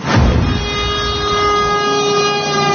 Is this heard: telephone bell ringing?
no